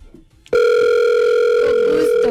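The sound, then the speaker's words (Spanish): After a brief quiet moment, a loud, steady telephone ringing tone comes through the line as a call is placed to a friend, holding unbroken for nearly two seconds, a single electronic hum with buzzy overtones. “Vamos a llamarlo. ¿A quién? A un amigo, espérate.”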